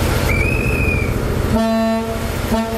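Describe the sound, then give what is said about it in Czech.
The horn of the historic Delfín diesel train unit, on a sightseeing ride on Czech railway tracks, blares in two toots: a half-second blast followed by a shorter one, rich and brassy over a steady low rumble of the running diesel train. “Historickou dieselovou soupravu Delfín můžete na českých kolejích potkat až do neděle, kdy se z Prahy bude vracet přes Liberec do Německa.”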